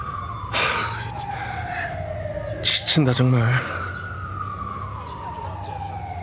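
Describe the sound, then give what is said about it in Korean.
An emergency vehicle siren wails steadily throughout, its pitch slowly sliding downward as if passing by, while someone briefly mutters a few words over it partway through. “아이, 저놈의 사이렌 소리 지겨 죽겠네 진짜.”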